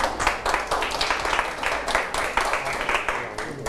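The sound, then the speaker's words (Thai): A group of students clapping for their classmates in a steady, dense patter of hand claps lasting a few seconds, fairly loud and continuous with no one speaking over it. “เรียบร้อยครับนักเรียนปรบมือกับเพื่อนด้วยครับ”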